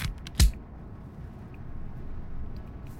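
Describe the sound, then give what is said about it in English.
A single sharp click as a big yellow shuffle button is pressed firmly stands out once near the start, followed by a steady low rumble of room noise with no talking. “We've got this big yellow button that we were always scared to press.”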